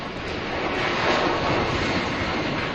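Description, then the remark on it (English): A steady, loud jet roar as a plane carrying cruise ship passengers takes off from the Canary Islands in the morning, bound for Bagotville, Quebec; a broad rushing engine noise that swells slightly partway through and holds without any voices. “That's the sound of their plane taking off from the Canary Islands this morning.”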